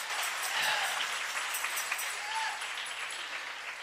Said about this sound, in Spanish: Dele ese aplauso al Rey.